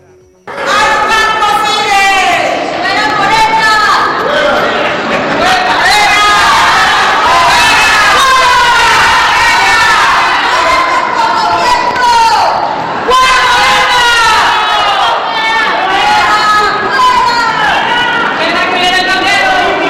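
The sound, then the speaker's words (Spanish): A large crowd of protesters at a demonstration during the arrival of Andy López Beltrán and Morena contingents shouts and chants loudly and continuously, many voices overlapping in a dense, rising-and-falling roar with no pause throughout, in temperatures around 35 °C. “Vamos a escuchar brevemente la manifestación.”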